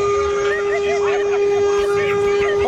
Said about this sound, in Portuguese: Esse aí tem meu respeito. Esse aí tem meu respeito, hein? Buzina até umas horas. Ó, vai na garagem de casa agora, tem coragem? Dá aquela buzinada pra acordar todo mundo.